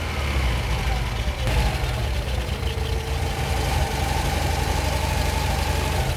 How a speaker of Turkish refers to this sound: Faz rölanti vidasını ve karışım vidasını ayarlıyor. Sesi çok daha güzelleşiyor.